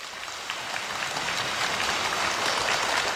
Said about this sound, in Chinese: 谢谢大家的掌声鼓励、啊、 感谢您的热情、